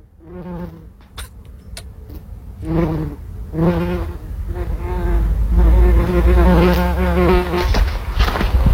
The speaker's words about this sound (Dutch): Het geluid van een hommel op de bloemetjes van de steentuin. Oh, wat goed. Wauw, dat heeft hij ook goed opgenomen.